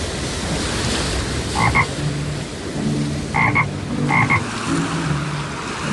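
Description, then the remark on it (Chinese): Short double croaks from a toad recur at a few points as it is swept under and resurfaces in rushing floodwater, set against a constant rush of churning water and surf that fills the whole background. “被变成了一只蛤蟆，它在湍急的水中一下子被淹没，一下子又浮起来。”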